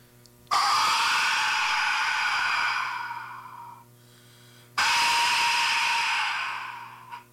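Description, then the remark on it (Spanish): A death whistle, known as the 'scream of death' (grito de la muerte), shrieks twice, each blast starting abruptly as a harsh, piercing, breathy scream that holds for a few seconds before fading, with a short silent gap between them. “Entonces por eso le llamaron el grito de la muerte. Es un sonido muy, muy interesante”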